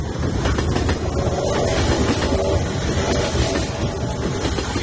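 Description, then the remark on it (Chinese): A train rolls along the tracks, its wheels clattering beneath a loud, steady rumble that fills the whole stretch. No one speaks. “母亲去车站买了票，当天就上了火车。”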